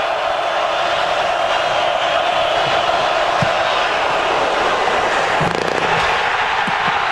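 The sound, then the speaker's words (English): A steady, loud stadium crowd roar fills the whole stretch, with a few brief sharp knocks cutting through as a field goal kick clangs off the goalpost, at the Ohio State-Iowa football game in Iowa City, with Ohio State up 10-6. “You can hear the doink there, and of course you hear the crowd in Iowa City.”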